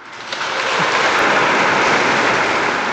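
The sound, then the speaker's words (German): Sustained, dense applause from a large crowd fills Eichstätt Cathedral after the announcement that Pope Leo XIV has named Christian Würz Bishop of Eichstätt, a steady roar of many hands clapping at once that swells in the first half-second and holds loud without pause. “Lang anhaltender Applaus im Eichstätter Dom.”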